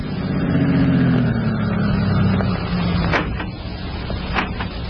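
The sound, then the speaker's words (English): A car engine rumbles as two men drive up to a farm entrance, its pitch dropping as the vehicle slows and comes to a halt, followed by a couple of sharp knocks like car doors as they get out. “Then, 1 week later, Baker was standing at the farm entrance when two men drove up and got out of their car.”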